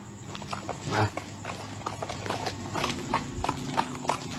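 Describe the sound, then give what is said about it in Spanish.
Steady clip-clop of horse hooves on a hard surface in Santa Cruz at night, evenly spaced hoofbeats over a low background hum, with faint voices briefly in the mix. “Un caballo escucho por aquí.”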